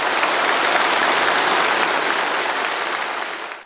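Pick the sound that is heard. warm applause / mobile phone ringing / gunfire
warm applause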